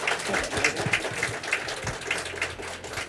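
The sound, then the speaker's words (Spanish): A crowd gives a loud round of applause at a speaker's call, dense overlapping claps forming a continuous rattling wash that holds an even, moderate loudness throughout, with no voices breaking through. “Un aplauso fuerte.”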